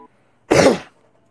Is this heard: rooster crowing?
no